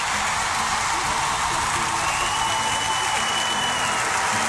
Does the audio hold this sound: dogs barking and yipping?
no